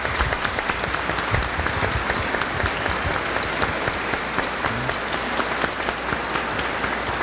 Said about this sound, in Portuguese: Que coisa boa, uma salva de palmas também para os formadores.